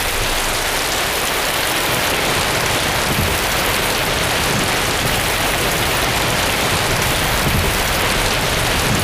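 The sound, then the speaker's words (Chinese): Steady, heavy rain pours down without a break, a dense hiss of countless drops, loud and even throughout with no voices. “让他们出发吧，别说是下雨，就是下刀子也得按期交人。”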